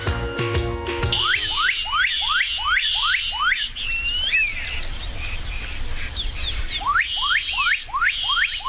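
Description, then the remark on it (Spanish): A cucarachero de agua (water wren) sings a rapid series of clear, downward-slurred whistles, pausing briefly before another burst of the same repeated notes, over a steady high insect drone. “Este sonido corresponde al canto del cucarachero de agua y hace parte del proyecto A Ritmo de Pájaros de la Fundación Corocoras.”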